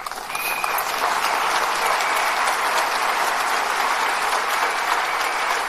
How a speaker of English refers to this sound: Yeah, she deserves your applause.